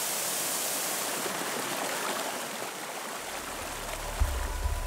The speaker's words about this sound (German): Der Nabigataki-Wasserfall. Der Nationalpark ist berühmt für seine Bäche und Schluchten. Das Vulkangestein ist ausgehöhlt, so kann man den Wasservorhang von hinten betrachten.